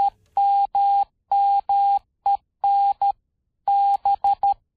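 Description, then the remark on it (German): Morse code beeps: a clear, steady electronic tone keyed on and off in a brisk pattern of long dashes and short dots, loud, with no voices or other sounds. “übertrug Samuel Morse erstmals seine nonverbale Kommunikation mittels seines Morse-Alphabets.”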